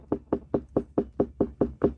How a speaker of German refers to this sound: Wenn es dunkel und hohl klingt, dann haben Sie eine reife Wassermelone.